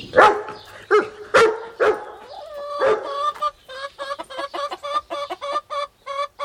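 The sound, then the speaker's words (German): A dachshund barks in several sharp bursts, then a chicken clucks rapidly and agitatedly in a steady stream of squawks as hens squabble wildly over food in a henhouse. “Der Dackel springt auf und bellt.”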